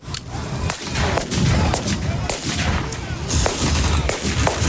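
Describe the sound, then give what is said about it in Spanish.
Sharp gunshots crack repeatedly at irregular intervals over a dense, rumbling low-end roar of heavy booms and outdoor din, loud and continuous, from gunfire and explosions at a historical reenactment of the July 1937 Battle of Brunete in Brunete, Spain, amid armored vehicles and anti-tank guns. “Sí, con ese ambiente, rodeados de vehículos blindados y anticarros, y entre explosiones y disparos, varios grupos de recreación histórica de toda España y hasta participantes de Estados Unidos y Reino Unido”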